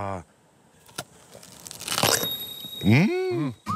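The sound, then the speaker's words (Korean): A crisp crunch as someone bites into a fresh peach, a short crackling burst, followed by a voice speaking briefly. “아삭 소리.”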